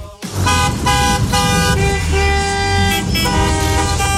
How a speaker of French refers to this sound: Ce son, vous le connaissez, c'est celui, bien sûr, des départs en vacances. Et oui, les embouteillages, les klaxons. Et oui, top départ des congés d'été aujourd'hui. Beaucoup de monde sur les routes en direction des stations balnéaires, bien sûr.